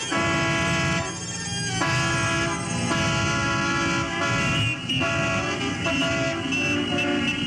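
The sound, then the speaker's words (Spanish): Loud, sustained horns of cars and motorcycles honk over one another without letup, their tones shifting every second or so, layered above a steady rumble of traffic and engines. “Háganse las grandes carreteras y circulen por ellas los Mercedes y los Cadillac, los Chrysler y los Mustang y todas las especies de automóviles y de ruidosas motocicletas y todo lo que se mueva sobre ruedas.”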